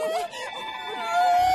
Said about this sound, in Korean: 어? 이 소리는 도움을 요청하는 코끼리 소리? 알고 보니 사냥꾼 때문에 겁을 먹은 아기 코끼리가 있었어.